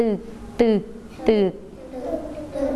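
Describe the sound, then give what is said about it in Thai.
A voice imitates a motorboat engine, as of a motorboat travelling on rivers and canals, with three loud, clipped putt-putt syllables in a steady rhythm, followed by softer, quieter vocalizing trailing off. “เรือยนต์แล่นในแม่น้ำลำคลองเก่งมากค่ะเด็กๆ”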